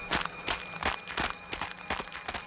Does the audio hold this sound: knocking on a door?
no